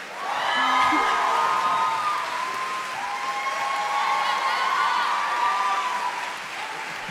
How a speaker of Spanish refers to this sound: Quiero pedir un fuerte aplauso para el invitado de esta canción.